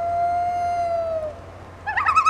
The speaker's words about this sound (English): This is WSHU's Birdsong Break, and with spooky season officially here, we're highlighting some more hauntingly beautiful bird songs this month, starting with the common loon.